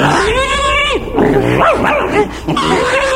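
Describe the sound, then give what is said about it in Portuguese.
A dog, Duque, yips and barks in a frantic scuffle as it bites a piglet, while shrill, wavering squeals rise and fall nearly nonstop, loud, with no talking. “Está ouvindo, mulher? O Duque está mordendo o porquinho.”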